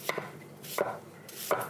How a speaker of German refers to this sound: Und wenn man jetzt von oben runter schneidet, hat man sofort kleine Würfelchen.